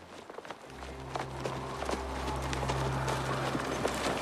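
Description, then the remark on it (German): Horses' hooves clip-clop in a steady rhythm over a low continuous hum, with sharp repeated knocks throughout and no one speaking. “Du, bewach die Pferde.”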